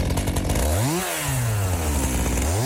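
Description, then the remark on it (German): A chainsaw engine runs loudly throughout, its pitch revving up, dropping back to a steadier drone, then climbing again at the end, at a weekend chainsaw course for people cutting their own firewood. “So Leute, Wochenende Kettensägenkurs für Brennholz-Selbsterwerber.”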